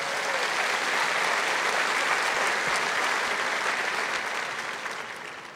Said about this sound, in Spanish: Diga: tengo la bendición de Dios. Dar un aplauso a Jesús.